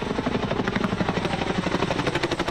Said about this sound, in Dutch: We hebben hier te maken met een brand in een gebied van 21 hectare. Onder meer Chinook-helikopters met grote waterzakken werden ingezet.